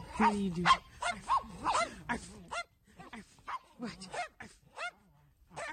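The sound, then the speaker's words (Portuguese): A small female dog named Nina yaps in quick, high-pitched bursts outside, by the radio station, a dozen or so short barks in two flurries with a brief pause between, moderately loud, with a voice faintly alongside. “Ô, gente, você que tá ouvindo o panorama aí, tem uma cadelinha lá de fora, ou próximo do rádio.”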